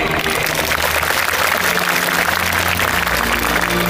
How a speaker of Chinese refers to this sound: 让我们以热烈的掌声祝贺各位同学。